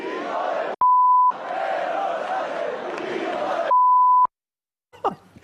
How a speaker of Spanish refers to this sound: Lo del pitido. Bueno, lo del pitido es porque estamos en horario protegido.